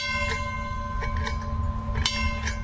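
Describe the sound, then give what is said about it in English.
A trolley bell clangs several times over a low rumbling background, its metallic ring hanging on between strikes, fairly loud with no voices. “If there's enough time when we come back, we take the young children and put them up in the front, let them blow the whistle, ring the bell.”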